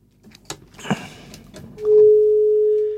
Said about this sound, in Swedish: Där var telefonlinjen igen, ja.